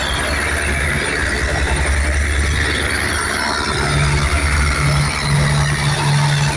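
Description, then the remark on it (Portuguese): A loud, unbroken helicopter roar fills the whole clip, a low rumbling drone with a fast rhythmic throb and a steady hum underneath, holding the same level throughout with no voices. It is a Military Police helicopter flying low over the Cordovil area, making low passes. “esse helicóptero da Polícia Militar tá sobrevoando baixo a área de Cordovil.”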